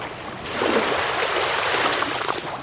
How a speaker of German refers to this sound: Man hört das Wellenrauschen und es ist auch öfter Wind am Meer. Meistens riecht man diesen komischen Salzmeergeruch und es gibt ziemlich viel Sand, der an den Füßen halt auch klebt und man sieht hinten das Meer mit den Wellen.